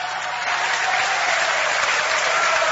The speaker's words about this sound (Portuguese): Aleluia! Mais fortes palmas misturado com glória a Deus. Glória a Deus.